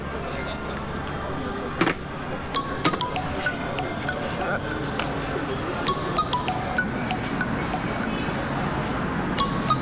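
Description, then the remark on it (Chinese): Several sharp glassy clinks ring out at irregular moments, like glasses touching in a toast, over a constant murmur of voices and clatter from a busy room. “为了一个鸡蛋的家当，干杯！”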